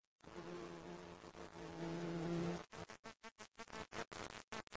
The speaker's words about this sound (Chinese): 这只大黄蜂安全返回了巢穴，但它完全没有想到，整个家族的命运已经发生了改变。